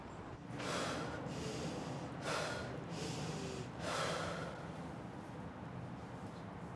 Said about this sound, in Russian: Вдыхаешь, держишь 10 секунд, и уже потом выдыхаешь и дышишь нормально, получается.